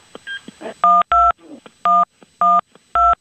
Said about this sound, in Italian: Ora hanno composto il numero